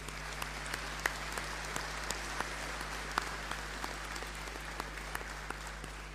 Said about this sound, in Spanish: solo agradecer por la participación y por el éxito del beneficio que hicimos ayer en la noche, el bingo. Así es que nos merecemos todos un gran aplauso de gratitud.